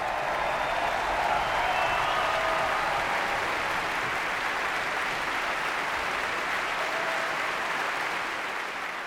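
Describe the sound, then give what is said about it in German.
Sustained applause from a large concert audience at the Berliner Philharmonie on Whit Sunday, after the Deutsches Symphonie-Orchester Berlin under Manfred Honeck played Tchaikovsky's Symphony No. 5, a dense wash of clapping for the conductor and orchestra that stays loud and steady for the whole stretch, with no voices standing out. “Großer Applaus für den Dirigenten und das Orchester Manfred Honeck und das DSO.”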